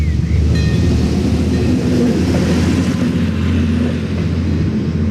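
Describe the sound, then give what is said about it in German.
A train rumbles steadily through a level crossing while the speaker waits to let it pass, a loud continuous low roar with rattling and faint tonal squeals, filling the whole stretch without pause. “So, wir wollen gerade mal den Zug durchlassen.”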